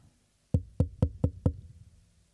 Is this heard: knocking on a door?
yes